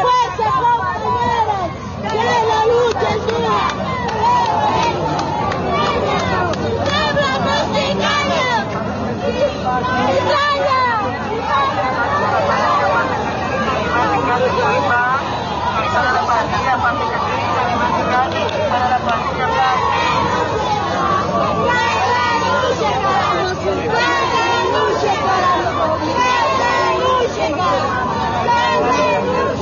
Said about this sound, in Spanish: Y estamos escuchando cómo están exigiendo la renuncia del presidente.